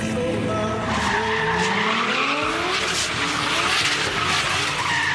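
The tires of a 1993 Toyota Supra MK4 squeal loudly and continuously over its revving engine, the screeching pitch sliding and wavering throughout, with no talking.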